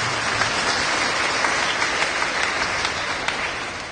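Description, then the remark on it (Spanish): An audience at a Holy Mass applauds for Christ Jesus, many hands clapping together in a dense, continuous patter with a few sharper claps standing out, holding at a fairly loud level before easing slightly at the end. “Demos palmas a Cristo Jesús, hermanos.”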